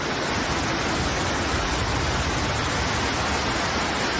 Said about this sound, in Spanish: Como cae, esto es torrente, donde se han llegado a acumular cerca de 100 litros por metro cuadrado. Ha llovido mucho en muy poco tiempo. Una tromba de agua que ha anegado calles y el metro de Valencia.